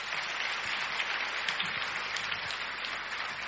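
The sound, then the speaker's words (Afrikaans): An audience at a church service claps together in a steady, dense wash of applause, many hands overlapping into a continuous crackling roar with occasional sharper claps standing out, with no voices over it. “Kom ons klap vir hulle hande saam.”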